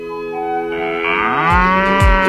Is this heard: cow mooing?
yes